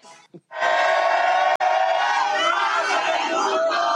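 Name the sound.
crowd shouting a chant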